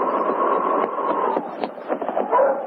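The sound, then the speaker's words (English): Sergeant Preston's sled dog team barks and yips together in a dense, continuous chorus as it reaches the well-packed main street of Portage City while it snows hard, steady throughout, with a few sharper yelps standing out near the end. “Both the sergeant and the dogs were looking forward to food and sleep.”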